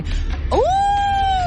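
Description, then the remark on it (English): A child's voice imitates a wolf howl: one sustained, rising then steady tone held for about a second, fairly loud over a faint background hum. “A wolf.”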